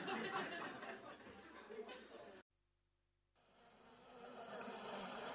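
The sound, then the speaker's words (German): A dense, steady hum of many honey bees buzzing close together at a hive entrance, cutting out for about a second of near silence before the swarm drone resumes. “Ich sehe ja nur die Bienen am Flugloch, stell die Kisten auf, schau mal rein.”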